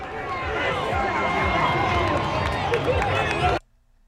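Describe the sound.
A large crowd cheers and shouts at a watch party, many excited voices overlapping in a loud, steady roar with scattered clapping, cut off abruptly after about three and a half seconds.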